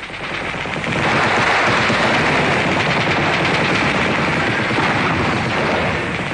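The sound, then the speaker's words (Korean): Dense, sustained bursts of machine gun fire from Kuomintang air force planes flying low over the treetops and strafing, rattling on continuously and loudly, with rapid overlapping shots forming a harsh wall of noise and no voices. “비행기는 나무 끝을 스칠듯이 득이 양양하게 날면서 폭격과 사격을 퍼부었다.”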